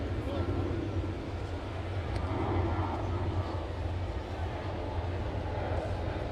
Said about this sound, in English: It feels like the planes coming into LaGuardia are very active in this early evening, isn't it? Maybe even more than normally. I mean, it is one of the things you kind of get used to here at this ballpark.